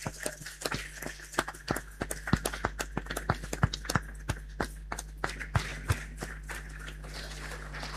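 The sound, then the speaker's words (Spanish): A small audience applauds the weavers with sharp, irregular claps that patter steadily for several seconds before thinning out near the end, over a low steady hum. “Así que le damos un aplauso a las tejedoras.”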